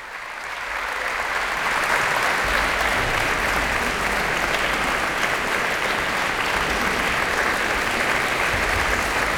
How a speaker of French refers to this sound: François Leleu qui se promène dans les rangs des musiciens pour les faire se lever les uns après les autres pour que chacun ait sa part d'applaudissements à la suite de cette interprétation de la symphonie de chambre créée à Vienne le 12 mars 1917.